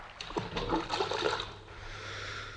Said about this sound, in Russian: Забрось их на середину реки, вот как этот камень.